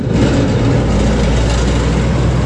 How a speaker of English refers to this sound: The Waikati Bridge on State Highway 2 is used by thousands of trucks and cars every day, who take turns to rattle their way over the temporary one-lane Bailey Bridge.